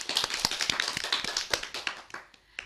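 A group of people clapping together, a dense, steady patter of many hands with sharp individual claps standing out, gradually thinning and fading toward the end; an audience applauding a child's talk on discipline at a children's program.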